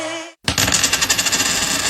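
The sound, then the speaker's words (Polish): A coin flicked into the air, spinning with a rapid, ringing metallic shimmer that wobbles and fades. Clear, following a brief moment of silence. “Rzućmy monetą.”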